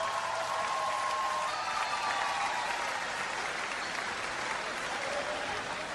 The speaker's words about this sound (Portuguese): Uma salva de palmas, faz favor.